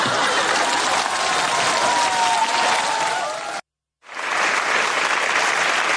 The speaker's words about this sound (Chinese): 大伙儿的掌声鼓励。